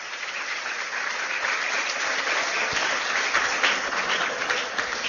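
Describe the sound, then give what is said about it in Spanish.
Steady, dense applause from an audience, many hands clapping at once in a continuous, fairly loud wash with no talking over it, applauding an 88-year-old woman in the audience. “Un aplauso, señores, aquella que está ya, 88.”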